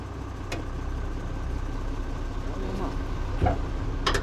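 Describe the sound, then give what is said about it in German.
A tractor engine drones with a steady, low rumble throughout, running at low revs as a learner driver takes it on a public road for the first time, with a few brief clatters and knocks rising over it. “Okay, dann folge mir unauffällig mit deinem Trecker.”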